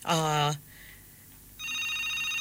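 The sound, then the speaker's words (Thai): An electronic telephone ring from an incoming call during a radio call-in program: a loud half-second tonal burst, a short quiet gap, then a steady, slightly softer ringing tone that carries on to the end. “ในช่วงเวลานี้มีสายเข้ามาขออนุญาตฮับสายหน่อยสวัสดีเจ้าเอ้าวางหูไปแล้วนะเจ้าวางหูไปละอ่ะเนาะ”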